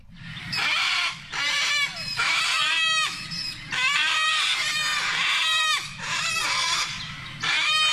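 Sulphur-crested cockatoos screech loudly, harsh raspy calls repeating in bursts about a second long with brief gaps, several birds overlapping and no one speaking.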